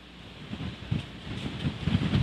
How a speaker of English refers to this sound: And as we said, his signal is having some issues in the middle of all of this storm, the rain and the wind.